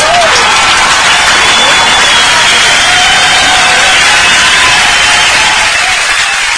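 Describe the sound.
A crowd claps loudly and steadily for several seconds, a dense wash of applause that stays strong throughout, with faint voices mixed into the cheering.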